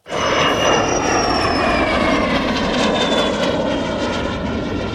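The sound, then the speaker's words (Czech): A small Czechoslovak-built propeller aircraft drones steadily and loudly throughout at a gathering of Czechoslovak-built aircraft in extreme heat, its engine tone wavering slightly as it flies, with no voices. “Nakonec přiletělo 87 letadel, ale plus počítáme ty, které jsou i místní a československý, takže padl rekord 101 letadel československé výroby na jednom místě.”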